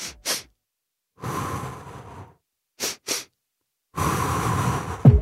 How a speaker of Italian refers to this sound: sentitela, è una doppia inspirazione dal naso, adesso ve la faccio sentire, seguita da una lunga e lenta espirazione. Questa roba qua vi genera una sensazione immediata di calma.